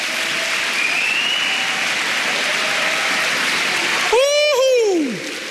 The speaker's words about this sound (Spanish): Vamos, dale palmas al Señor.